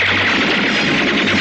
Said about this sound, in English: Fire a volley through the window pane.